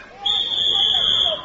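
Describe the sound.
A single long, shrill whistle blast holds one steady high pitch for about a second, loud over a faint background murmur of voices.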